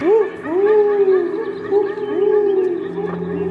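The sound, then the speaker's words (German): A human voice imitates an owl call into a microphone at a children's show by the Australian Polyglot Theatre, with long, wavering hoots that rise and slide in pitch, repeated several times and overlapping as they are looped into the live soundtrack over a steady low drone. “Und als mein Eulenruf dann im Raum erschallt, da fühle ich mich für einen Moment sehr glücklich und hoffnungsvoll.”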